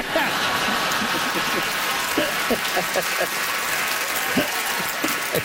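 A studio audience applauds a quiz answer steadily, a dense wash of many hands clapping at an even, fairly loud level throughout, with individual claps popping out.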